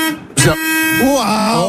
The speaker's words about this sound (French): Il a appuyé sur le klaxon. Il y a le volant qui vibre.